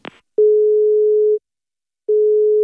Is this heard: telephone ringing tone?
yes